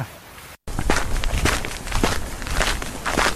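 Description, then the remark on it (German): Steady footsteps on a hard path through a zoo, walking down along the polar bear enclosure toward the seals: a regular series of crisp, scuffing steps over continuous low outdoor rumble, with no voices. “Wir gehen jetzt runter und dann gehen wir entlang der Eisbärenanlage und schauen mal, was die Robben so machen.”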